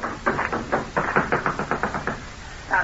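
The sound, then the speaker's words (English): Quick, hollow thumps of running footsteps on a wooden dock, a steady rapid patter of about a dozen steps, fading briefly before another step lands at the end. No voices. “And a moment later, I heard the sound of running feet from the dock and the excited voices of the guards.”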